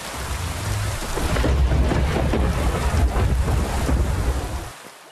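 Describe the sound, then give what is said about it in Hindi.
Heavy rain pours down steadily on the mountains in a dense, loud wash with deep rumbling underneath, building slightly and then cutting off abruptly near the end. “इसी बीच पहाड़ों पर भारी बारिश होने लगी।”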